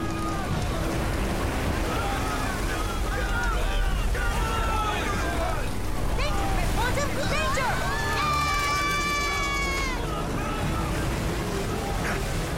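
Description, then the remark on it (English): Heavy storm wind roars steadily at sea around a sailing boat losing control on the swells, with a deep rumbling wash of water underneath and muffled voices and creaking tones rising and falling through the gusts. “That storm is coming fast.”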